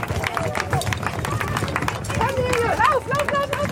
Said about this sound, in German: So klingen die ersten Schritte auf dem Brückenbelag. Denn Kindergartenkinder und eine Läufergruppe waren die ersten, die die Brücke unter die Füße bekamen.